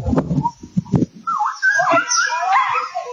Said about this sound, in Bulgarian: Видеото е от село Левски. Две деца връзват куче с въже за автомобилна гума. Едното от момчетата бие животното, влачи го и го души.